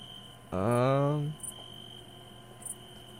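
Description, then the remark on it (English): Faint, steady cricket chirping with a few brief high chirps, briefly covered early on by a loud rising, voice-like tone before the insects carry on alone. “I like these crickets.”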